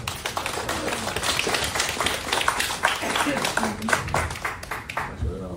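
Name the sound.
audience clapping hands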